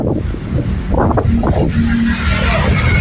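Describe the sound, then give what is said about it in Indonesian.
Steady roar of midday road traffic, mostly private cars and motorcycles, on Jalan Letjen Sutoyo heading from south to north, with low engine rumble and brief revving, heard outdoors with heavy wind buffeting the microphone; no clear voices. “kawan memang didominasi oleh kendaraan pribadi ya, baik mobil maupun juga motor pribadi.”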